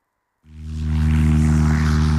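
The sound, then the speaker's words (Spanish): A light propeller plane's engine, on a flight over Mazaricos, starts abruptly after a brief silence and settles into a steady, loud droning hum with strong low harmonics and airy noise, alone. “En Avivir Arrías, este sábado, subímonos a unha avioneta para descubrir Mazaricos dende o aire.”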